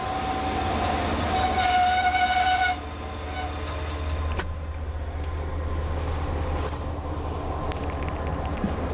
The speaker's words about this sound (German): Diese Lok fährt ferngesteuert, und zwar von Schorsch. Vollgas, jawohl.